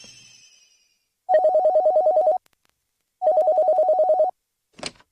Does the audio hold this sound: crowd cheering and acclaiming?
no